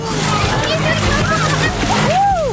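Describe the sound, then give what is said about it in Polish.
Girls plunge into an open-air swimming pool on Wejherowska Street in Wrocław, Poland, on a hot day, with a loud splash, followed by churning, sloshing water while excited voices call out in the background. “Proszę, ja zostałam ochlapana. Poszły pod wodę.”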